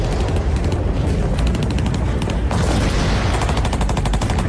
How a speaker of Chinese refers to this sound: 1948年11月6日，伴着隆隆炮声，淮海战役正式打响。